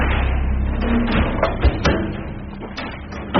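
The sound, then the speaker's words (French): A massive armored blast door weighing several tons, with hinges 20 cm by 10, shifts with a low, grinding rumble, punctuated by several sharp clanks and a brief creak, with no one speaking. “C'est une porte qui fait plusieurs tonnes.”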